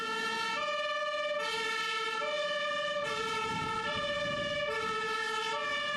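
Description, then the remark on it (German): A fire engine siren wails as the fire brigade is called out on an alarm, in a steady two-tone pattern alternating high and low pitches roughly every second, loud and continuous with a low engine rumble underneath and no talking. “Die große Feuerwehr wurde alarmiert und musste ausrücken.”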